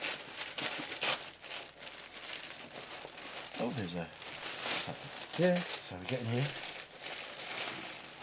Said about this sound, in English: That's right. You can just rip it. Tear the paper